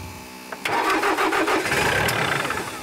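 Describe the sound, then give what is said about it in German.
A tractor that keeps stalling is restarted: its engine cranks briefly, then catches and roars to life at about half a second, settling into a loud, steady running rumble with rattling overtones; no one speaks. “Also der Trecker, der geht immer wieder aus. Er weckt ihn zum Leben.”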